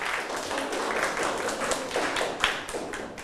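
A group of students in a maths lesson clap their hands for the classmates whose group chose this answer, a dense patter of overlapping, uneven claps that holds steady for a few seconds without anyone speaking.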